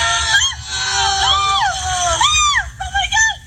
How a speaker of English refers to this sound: Yeah, and that screaming is them like flailing, like bringing the mattresses down.